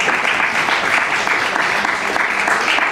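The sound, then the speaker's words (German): An audience applauds steadily, a dense crackle of many hands clapping at an even, fairly loud level for the whole stretch, with no voices standing out. “Nein, die Frage verdient keinen Applaus, weil die Prämisse falsch ist.”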